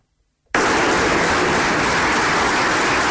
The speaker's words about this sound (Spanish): Es la ovación con la que fue recibida la alcaldesa Noelia Arroyo en la presentación del plan industrial de la región de Murcia en la UPCT, que al menos durante unos minutos quedó en un segundo plano.